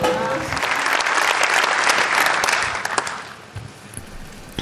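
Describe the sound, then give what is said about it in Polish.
Sustained audience applause as Pope Leo XIV stands and approaches the lectern to give his speech, a dense crackle of many hands clapping at steady volume, tapering off toward the end with scattered claps; a faint voice may sit underneath at the start. “Znowu oklaski, papież Leon wstaje, zbliża się do mównicy, przenosimy się do Metz.”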